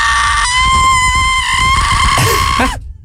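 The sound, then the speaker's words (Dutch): One long, piercing human scream, entered in a loudest-scream contest, held at a steady high pitch for nearly three seconds, very loud and slightly distorted, making the speaker crackle, then it breaks off abruptly into silence. “De box kraakt er wel een beetje van, maar er was één iemand die er met kop en stem ook bovenuit stak.”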